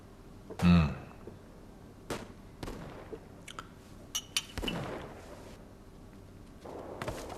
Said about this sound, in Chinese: 哥，到底打起来没有啊？怎么枪声这么稀呀？ 那就是还没打起来呗。